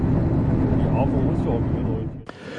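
A regional train rumbles steadily as it approaches the Neuberesinchen stop in Frankfurt (Oder), a dense low roar filling the space before easing slightly, with a brief sharp clunk near the end.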